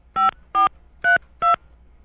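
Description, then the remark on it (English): Four touch-tone keypad beeps as an old home phone number is dialed, each a short two-pitched tone, evenly spaced and clear against near silence with no voices. “Earlier in the show, you called your old home phone number.”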